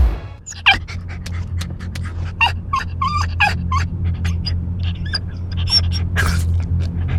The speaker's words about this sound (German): So hört es sich an, wenn dein Hund einen qualvollen Hitzetod erleidet. Lass deinen vierbeinigen Freund nicht im Auto zurück.